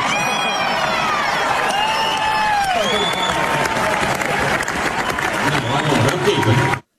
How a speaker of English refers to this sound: Big cheer from the crowd. Big laugh to that.